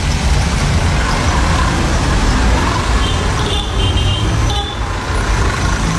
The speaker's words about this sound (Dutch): we kijken naar de voorbijrijdende brommers en kekkes. Het zijn een soort Nigeriaanse versie van tuk-tuks.